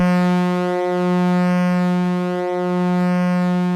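A deep, steady steamship horn blasts continuously, its low droning tone rich with buzzing overtones and wavering slightly in loudness, with no voices present.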